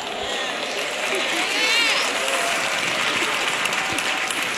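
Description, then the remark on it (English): A crowd of sisters applauds steadily while praising the Lord, a dense wash of many hands clapping at once that stays loud and even throughout, with a few faint voices rising through the noise. “Look at all the sisters clapping, praising the Lord, praise God.”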